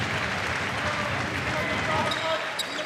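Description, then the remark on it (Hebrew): A stadium crowd applauds steadily for a few seconds, a dense, continuous wash of clapping with a faint voice speaking over it, as the opposing team's injured star player is forced to leave the field. “ויפה שהקהל שקריאת את הספורטיבי ונותן פה מחיאות כפיים, קצת תרבות ספורט ולא שמחה לעד, גם אם הכוכב של הקבוצה השנייה נאלץ לעזוב את שדה המשחק.”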